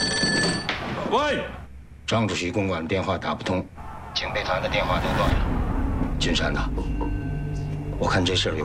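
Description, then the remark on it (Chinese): A telephone rings in short repeated bursts, clear, with voices talking over and between the rings and some background rumble. “是啊， 我给张主席打个电话，问问究竟是怎么回事。”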